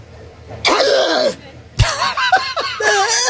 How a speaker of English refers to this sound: Is that her impression of a firework? No, she's clearing her throat. Okay. And then she got a little cough.